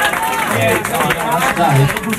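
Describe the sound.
Audience applause, a dense, steady wash of clapping that holds at the same loudness for the whole stretch, with voices and some cheering mixed in underneath.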